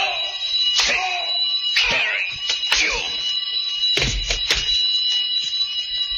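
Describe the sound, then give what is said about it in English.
A loud alarm bell rings steadily through the whole stretch, its shrill tone never pausing, while several sharp, sudden bursts and brief voices cut in over it. “He's turning in an alarm.”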